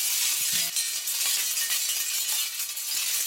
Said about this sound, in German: Blechstreifen bewegen sich im Wind und machen Krach.